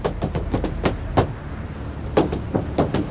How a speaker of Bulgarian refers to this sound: е тропане на бутуши върху покрива на корейски автомобил.